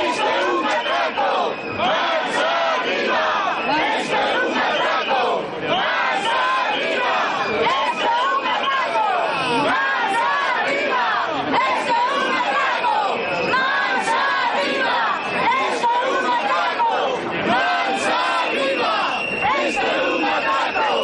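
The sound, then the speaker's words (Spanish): A large protest crowd shouts slogans together, including "Esto es un atraco" ("This is a robbery"), a dense, loud mass of voices that swells and dips in repeated chanted bursts without letting up. “Esto es un atraco, gritaban.”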